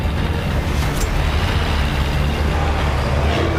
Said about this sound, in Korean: 도로에 바리케이드가 서있다. 김학윤은 트럭을 돌진시켜 바리케이드를 부수고 달려나간다.